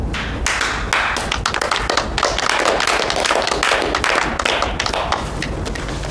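A crowd at a meeting applauds steadily for about six seconds after the announcement of new appointments, many hands clapping in a dense, crackling patter at an even, fairly loud level with no voices.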